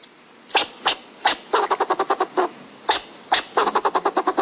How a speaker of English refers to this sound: And that means learning the other voices in the ecosystem, too. Like the fox squirrel's barks.